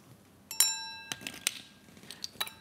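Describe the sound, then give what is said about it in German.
Glasses clink together in a toast, one bright ringing chime that hangs briefly, followed by a few lighter taps and clinks, with no talking. “Dann können wir doch wenigstens anstoßen hier.”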